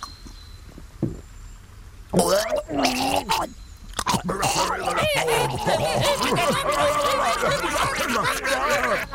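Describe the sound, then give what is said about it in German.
An old man gulps down a glass of sticky lemonade mix into which a hornet has fallen: a few wet gulps in quick succession, then a long stretch of loud, strained gurgling and choking, the throat rasping and sputtering with rising and falling vocal groans. “Noch gefangen vom Kitzel der lustigen Scherze rund um den jähen Tod der Videospenglerin, stürzt der eine das Glas mit der verheißenden Labsal in den greisen Schlund.”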